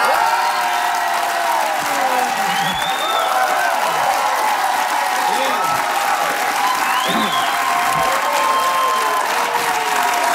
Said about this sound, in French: Vous ne pensiez pas vous faire applaudir comme ça, hein?